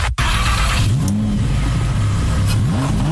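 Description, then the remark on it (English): A loud Lamborghini supercar engine revs, its pitch climbing and dipping in repeated surges over a steady, throaty rumble with no talking. “that is not just the sound of a luxury Lamborghini's engine revving”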